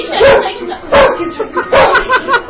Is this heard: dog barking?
yes